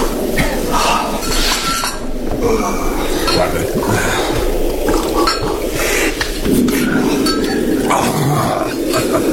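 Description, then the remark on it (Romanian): Glass clinks and knocks repeatedly against a busy, continuous background, like a glass bottle of cognac being handled and drinks poured; a voice briefly speaks. “adu sticla aia cu coge.”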